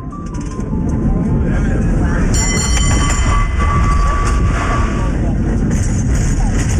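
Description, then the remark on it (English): A cable car rumbles loudly and steadily along its rails, with a heavy low rattle throughout and a shrill metallic wheel squeal rising partway through before fading back into the clatter. “He insisted we go ahead with the cable car ride, that Mom would want us to do that, and that he'd take care of her.”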